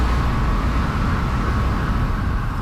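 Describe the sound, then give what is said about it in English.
Steady, continuous rumble of street traffic from trucks and cars outside a building at the foot of Main Street on the downtown east side, a busy, bustling neighborhood; a broad wash of engine and road noise, no distinct passes standing out, heard from the street with no voices. “Yes, you're hearing traffic outside a building called Main Rooms.”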